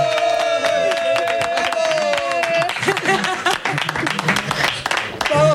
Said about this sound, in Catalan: Clar que sí, un fort aplaudiment. Bona vesprada, estem així a Tavernes, en el bar La Prèvia.